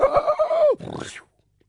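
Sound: horse neighing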